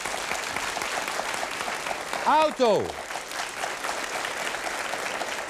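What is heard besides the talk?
audience applause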